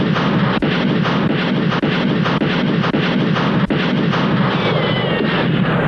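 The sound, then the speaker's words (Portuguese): A loud, sustained barrage of gunfire as five men open fire on a sheriff: a dense wall of crackling noise punctuated by a handful of sharper, louder shots at irregular intervals, with no voices. “Rapazes, fogo nele!”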